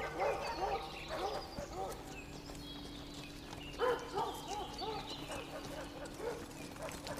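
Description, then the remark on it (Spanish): Horses carrying Viserys and three king's guards move through woodland under a sunny blue sky toward a hunting party, with soft rhythmic hoof clops and scattered animal calls and yips around them, against a steady low background hum. “Viserys y tres guardias del rey se mueven a caballo a través de los árboles a la partida de caza.”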